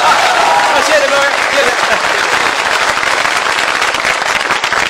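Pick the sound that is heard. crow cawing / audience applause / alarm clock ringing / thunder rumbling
audience applause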